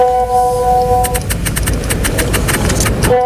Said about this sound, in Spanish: Esto que escuchas son teléfonos móviles, podría ser el suyo, podría ser el mío, mensajes, vídeos, notificaciones, que es el sonido de nuestro día a día, ¿no?